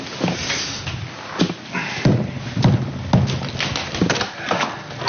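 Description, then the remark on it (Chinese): A door being opened, with a series of irregular knocks, clunks and latch clicks over a few seconds against a low steady background. “你怎么才开门？”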